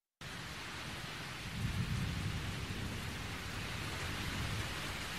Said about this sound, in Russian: Вдруг вторично комнату осветила яркая вспышка молнии, и в ту же минуту прогремел гром, который на этот раз обратил на себя внимание Николая.